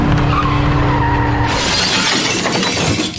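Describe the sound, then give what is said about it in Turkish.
A loud crash between a moving car and a motorcycle at an intersection in Çankaya, Ankara, Turkey: a steady engine-like hum gives way to a harsh, noisy smash and the grinding, scraping skid as the motorcyclist is thrown onto the road and dragged several metres. No voices. “Seyir halindeki otomobille motosiklet kavşakta çarpıştı.”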